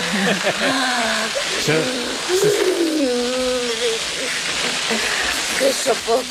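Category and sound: household object, water hose spraying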